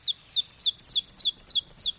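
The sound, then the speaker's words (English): An ovenbird, a migratory warbler, sings a rapid, repeated series of bright, high-pitched chirping phrases that build steadily and ring out clearly against a quiet background with no talking. “Like the ovenbird, whose song we're hearing now.”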